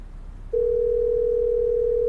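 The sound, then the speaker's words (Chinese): A steady, continuous telephone ringback tone, heard while a call is placed to an older brother, begins about half a second in and holds unbroken at an even pitch, fairly loud, over faint low background hum, with no voices. “咱这样，咱给哥哥打个电话好不好？”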